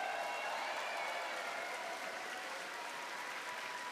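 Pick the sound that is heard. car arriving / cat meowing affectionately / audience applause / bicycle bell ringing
audience applause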